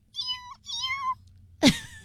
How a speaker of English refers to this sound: It's a little kitten that's so tiny.